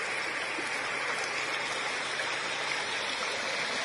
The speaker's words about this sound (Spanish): En el municipio Santa Rosalía del estado Portuguesa. Aquí vemos cómo el agua se está comiendo lo que queda de granzón en la carretera, cómo circula el agua aguas abajo.